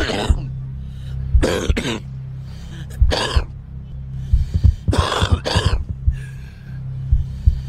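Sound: smoker's cough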